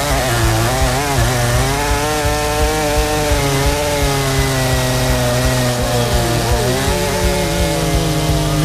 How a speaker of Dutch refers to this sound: En wij gaan alvast met een klein zaagje een beginnetje maken.